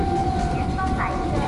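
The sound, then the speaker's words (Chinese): A steady, loud rail rumble with a thin sustained whine on top, the continuous roar of a high-speed train ridden from Guangzhou to Hong Kong, holding level throughout with faint indistinct voices underneath. “咁而且我而家住喺广州东站附近啦，无论我翻公司或者坐高铁去香港屋企咧，其实都好快。”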